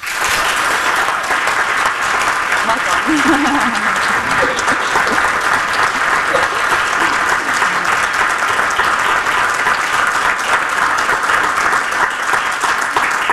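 Sustained audience applause at a City Club of Cleveland forum for a Palestinian writer, a dense even wash of many hands clapping at steady loudness for about thirteen seconds, with no clear voices rising above it.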